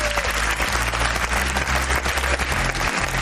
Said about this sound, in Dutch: Mensen in het Tourcafé, mag ik nu alvast een heel groot applaus. Want dit zorgt eigenlijk dat je extra moed moet hebben als je gewoon hier midden in het publiek komt zitten.